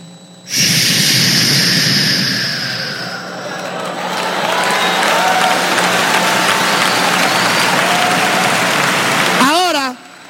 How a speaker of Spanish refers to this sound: Ya va a aplaudir, escuche bien.